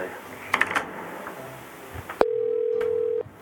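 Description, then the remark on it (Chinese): A few soft clicks and handling noises, then a loud, steady telephone ringback tone sounds once for about a second, clear, over a faint background hum. “你可能唔敢接，嗯，讲电话尔啦，你咪讲假啦。”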